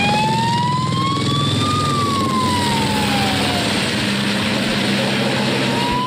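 A fire engine siren wails loudly, its pitch sweeping slowly up and then down, over a heavy, continuous engine rumble, in a video filmed by firefighters themselves with a mobile phone or body-worn camera. No one speaks.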